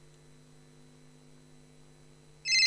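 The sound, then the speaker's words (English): A steady low electrical hum runs throughout, then a loud, bright electronic telephone ring suddenly cuts in at the very end. “Can I hear a phone ringing?”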